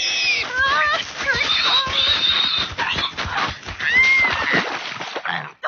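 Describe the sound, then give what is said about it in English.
A pig squeals shrilly and repeatedly as it charges at someone walking home from school, its rising and falling cries loud over a rough, rushing commotion with splashing as the person is sent into a mud puddle. “No, the pig. Not again. Oh, it charges me every time I walk home from school.”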